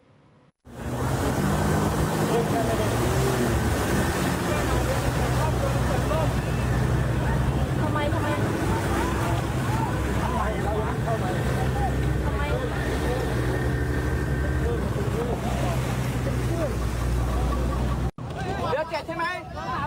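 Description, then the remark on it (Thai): A rowing boat race on a river in Prachinburi province, where one boat lost control and capsized mid-river with about 30 rowers clinging to the hull: a dense, loud crowd shouts and chatters continuously over splashing water and a low engine rumble, then cuts off abruptly near the end. “มาดูเหตุระทึกเกิดขึ้นที่จังหวัดปราจีนบุรีกับการแข่งขันเรือพายนะครับปรากฏว่าเรือ1ลำเนี่ยสูญเสียการควบคุมนะครับเพราะฉะนั้นก็ทำให้เรือล่มกลางแม่น้ำมีฝีพายประมาณ30ชีวิตเนี่ยต้องเกาะลำเรือเพื่อรอความช่วยเหลือครับ”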